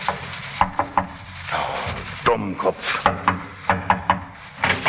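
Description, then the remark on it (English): Several sharp knocks on the wooden door of a barber's shop in North London, about midnight, come in short, uneven bursts, distinct over a steady background hiss, with no one speaking. “He got out of the taxi and, after looking about very carefully, knocked at the barber's door.”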